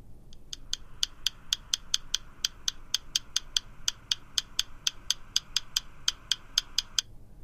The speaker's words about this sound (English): I guess that to be a woodpecker. It is a very unusual sound.